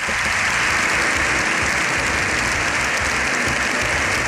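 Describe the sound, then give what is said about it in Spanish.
Sustained, loud applause and ovation lasting over seven minutes for Pope Leo XIV in a packed Congreso de los Diputados, Spain's lower house of parliament: a dense continuous wash of clapping that never lets up, with no voices standing out. “Más de 7 minutos de aplausos, de ovación, se ha llevado el Papa León XIV en un abarrotado Congreso de los Diputados.”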